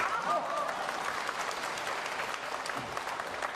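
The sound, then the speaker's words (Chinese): Steady audience applause at a crosstalk (xiangsheng) comedy performance, a dense wash of many hands clapping at an even, moderately loud level for a few seconds with no voices standing out. “行了行了，各位太善良了，喊口号您还鼓掌”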